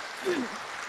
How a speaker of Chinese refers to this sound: 大家用最这个热情的掌声来鼓励他一下啊！